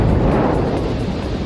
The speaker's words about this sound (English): Holy shit. That's a big explosion. Officials believe lightning sparked the massive explosion in Oklahoma. The man who filmed it says it shook the whole entire Walmart. The tank held a liquid fuel used in the production of gasoline.